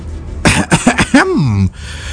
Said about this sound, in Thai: ก่อนที่จะกระแอมกระไอแล้วก็เอ่ยขึ้นอีกครั้ง